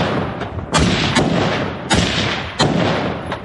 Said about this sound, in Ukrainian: На цих кадрах українські бійці розстрілюють ждуна. Ворожий дрон на узбіччі не дочекався своєї жертви.